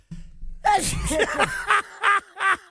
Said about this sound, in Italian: Ma come mai starnutisco? Perché stai parlando alle donne e ti pensano.